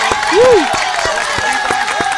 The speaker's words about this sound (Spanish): Un aplauso, por favor. Un aplauso, fuerte el aplauso.